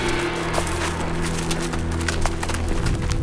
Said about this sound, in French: Le chemin entre précipices et nuages serpente à pic. Les chevaux glissent entre les rochers, parfois...